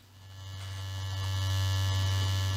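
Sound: electric shaver buzzing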